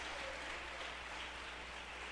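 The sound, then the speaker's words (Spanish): A church audience applauds the Lord in a dense, steady wash of clapping that holds at an even level for a couple of seconds, with no voices standing out. “Démosle un fuerte aplauso al Señor, pero démoselo con todo el corazón.”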